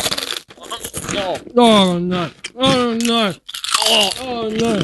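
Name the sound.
crunching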